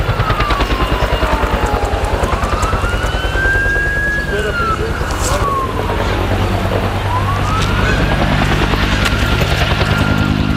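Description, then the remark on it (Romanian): A firefighting helicopter's heavy rotor thumping fills the scene, loud and steady, as helicopters and planes make drops to put out a fire at a recycling site, while a wailing siren rises and falls in long sweeps over the constant churning din. “Και ακόμη βλέπετε από τις 6 ώρα το πρωί συνέχεια ρίχνουν τα αεροπλάνα και τα ελικόπτερα για να σβήσουν τη φωτιά στην ανακύκλωση.”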